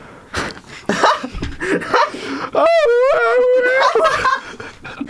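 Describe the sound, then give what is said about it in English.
A voice imitates a singer's banshee wail attack by singing: a long, wavering, shrill sustained note of about two seconds, preceded by choppy bursts of giggly vocal noise. “… had sprang from a nearby tree and used a stunning banshee attack, which is really just her singing, and almost all of the crew were stumbling around dazed.”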